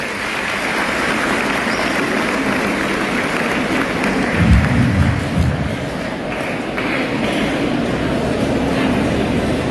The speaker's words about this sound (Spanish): Aquí los saludamos con fuertes aplausos, por favor.